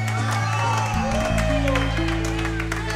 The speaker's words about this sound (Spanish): ¿Quién no me aplaude esto a mí aquí ahora?